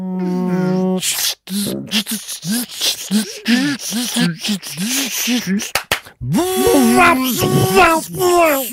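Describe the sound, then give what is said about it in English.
A voice mimics a race car pit stop like at Bathurst, a bit like Formula One: a droning engine whine, a run of quick rhythmic vocal bursts and clicks like wheel guns, then a loud revving engine sweep as the car pulls away. “a car pit stop, like you're at Bathurst”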